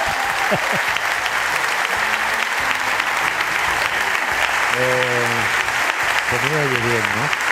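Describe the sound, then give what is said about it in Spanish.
A crowd applauds steadily and loudly for the whole stretch at the radio programme La Ventana, a dense wash of many hands clapping, while a couple of voices briefly speak over it near the end. “Claro, tanto aplauso.”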